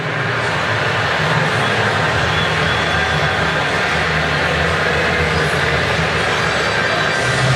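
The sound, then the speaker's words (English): Houston's baseball crowd boos loudly and steadily at the decision to intentionally walk Yordan Alvarez, a thick, unbroken wall of low jeering voices that holds at the same level for several seconds without pause. “And you can hear the utter disdain from Houston's crowd on that decision by Mark Kotze.”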